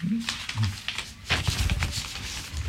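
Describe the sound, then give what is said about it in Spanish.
Sheets of paper, notes prepared for a talk with the president, are shuffled and handled in a run of crisp rustles and flicks that grows busier partway through, with a faint voice murmuring at the start. “Todas estas hojas fue todo lo que fuimos hablando, que preparé yo para poder hablar con el presidente.”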